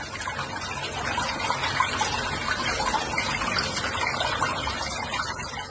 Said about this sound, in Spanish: ¿En sus casas también sale el agua así? Este es el agua que está saliendo aquí en Guadalajara. ¿Así sale el agua en sus casas?